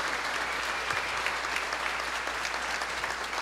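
Steady audience applause for the parish apostolate and coordination, a dense wash of many hands clapping at an even level throughout, with no voices standing out.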